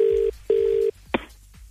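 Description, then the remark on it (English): A telephone ringback tone on a call to a real estate agent about a shack for sale at Bonnie Doon: two steady electronic buzzes, each about a third of a second, separated by a short gap, then a sharp click as the line is picked up. No voices. “Mate, just ringing up inquiring about the shack you got up for sale at Bonnie Doon?”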